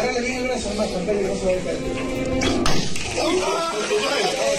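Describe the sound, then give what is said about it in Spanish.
A sharp crack as a mayor fires a Taser pistol into his adviser's back during a private meeting cuts through background voices, followed right away by the adviser's strained scream as he collapses while held by another person, with a dull thump amid the commotion. “Este es el momento del disparo. Esto es tremendo. El grito del asesor que se desploma.”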